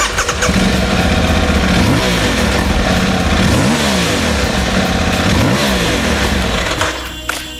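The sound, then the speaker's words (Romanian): An Aprilia motorcycle engine revs up and down repeatedly, loud, with rising and falling pitch sweeps in a steady rhythm before easing off near the end. No one speaks. “Nu este nevoie să vă conving eu că motocicleta merită testată.”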